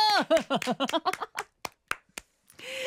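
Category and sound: crowd, audience clapping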